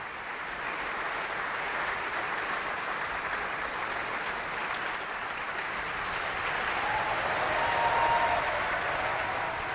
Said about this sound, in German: Einmal Brünnhilde, Camilla Nylund. Und jetzt ist sie zusammen vor dem Vorhang mit dem heutigen Siegfried Klaus Florian Vogt. Hand in Hand verbeugen sie sich vor dem Bayreuther Publikum und empfangen den Applaus der Menge.